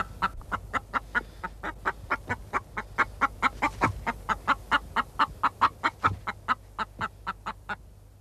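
A hen clucks in a quick, steady run of short, sharp calls, about three or four a second, fairly loud over a low background hum, with no one talking.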